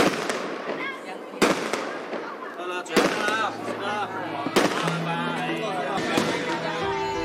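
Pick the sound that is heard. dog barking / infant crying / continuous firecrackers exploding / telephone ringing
continuous firecrackers exploding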